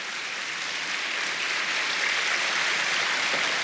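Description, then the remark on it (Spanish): Steady applause from a church audience applauding the Lord during a sermon, a dense wash of many hands clapping at an even, fairly loud level for several seconds, with no voices standing out. “Si va a aplaudir al Señor, apláudalos porque Él lo merece.”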